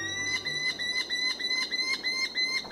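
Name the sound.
merlin falcon calls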